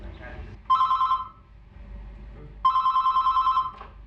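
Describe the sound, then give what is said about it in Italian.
A telephone rings twice, each ring a bright, rapidly trilling electronic burst lasting about a second, separated by a short pause, heard clear over a faint low background murmur. “In Ticino si è cominciato con un numero telefonico, con una consulenza contro l'AIDS.”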